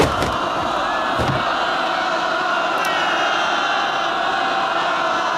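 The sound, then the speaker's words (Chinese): A dense roar of many voices shouting at once, steady and loud throughout, with a few brief sharper knocks and bursts near the start rising out of the continuous clamor. Tens of thousands of civilians surround a train and tear up the railway to the north. “上万的老百姓包围了列车，正在拆除北面的铁路。”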